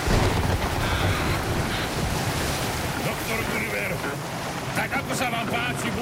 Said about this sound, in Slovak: Vietor driapol plachty a vlny ako veľké hory sa prevaľovali cez palubu. Loď poletovala po rozbesnenej hladine ako škrupinka.